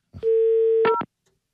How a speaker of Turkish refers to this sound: Bu eskiden çevirdiğim numaraları yayında kesmiyordum. YouTube'da telefon şakasının altına adam çevirdiğim numarayı yazmış şu tuş sesinden.